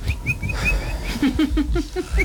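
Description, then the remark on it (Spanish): A person imitates a small bird, making a quick series of short, high whistled chirps and tweets in an uneven rhythm, moderately loud, with no talking. “Entonces llegó y empezó a hacer como un pajarito.”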